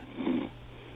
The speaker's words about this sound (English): I think I heard a snore in there.